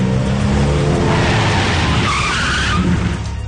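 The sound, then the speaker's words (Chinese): A Jeep 4700 drives up with a steady engine rumble, then brakes hard to stop beside a man, its tires skidding and squealing briefly before it settles; loud, with no talking. “他启动发动机开到韩光身边停下”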